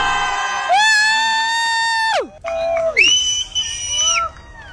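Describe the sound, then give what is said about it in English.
People cheering outdoors as the light disappears and it gets darker, with long, loud whooping shouts that hold steady and then slide down in pitch, two big cries in a row over a faint crowd background. “I can't even, honestly, can you hear people cheering? People are cheering.”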